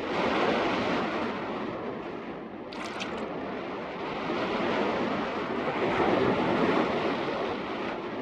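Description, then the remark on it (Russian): Waves wash steadily against a shore strewn with large boulders in a dense, continuous roar that swells slightly and never fully recedes, with a brief high clatter partway through and no voices. “Берег усыпан большими валунами.”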